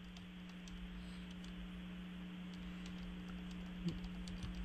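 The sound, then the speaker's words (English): Soft, irregular clicking of someone typing on a computer keyboard while taking down a listing for oats hay for sale, quick bursts of keystrokes with short pauses, over a steady low electrical hum. No one speaks. “And first and foremost, thank you for talking slowly because I don't type as fast.”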